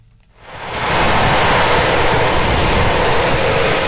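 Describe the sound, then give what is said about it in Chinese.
A tractor drives through a barley field at Park Farm in Cambridgeshire, England, in spring, as a farm machinery operator inspects the barley's growth: a loud, steady mechanical roar with a deep low rumble swells up within the first half second, then holds constant without voices. “在英国剑桥郡的帕克农场，农机手正驾驶着拖拉机在田间巡查大麦的长势。”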